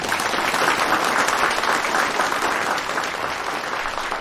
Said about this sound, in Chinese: 那接下来让我们一起掌声欢迎他们。